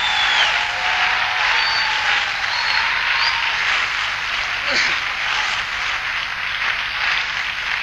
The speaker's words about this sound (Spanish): Vamos, si vas a aplaudir, tenés manos para aplaudir, celebralo.